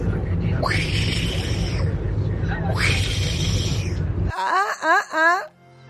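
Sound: tiger roar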